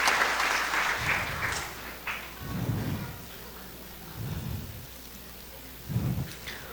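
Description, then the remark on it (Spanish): An audience claps together for a church member's birthday in a dense, steady patter of applause that slowly thins out, with a few dull low thumps scattered through it and no voices. “Aplausos, hermanos, a la hermana que está de cumpleaños.”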